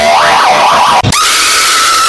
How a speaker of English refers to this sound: You try to straighten your motherfucking hair, bitch. It coils back like the Roblox coil sound, bitch.